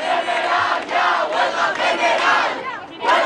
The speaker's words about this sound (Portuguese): Os manifestantes, entretanto, após o desfecho da votação, invocaram palavras de ordem, sentaram-se no chão, pegaram nos telemóveis, conhecido o verdito, levantaram-se para gritar Greve geral.